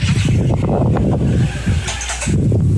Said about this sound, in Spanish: ¿Puede apagar su ventilador? Le agradecería.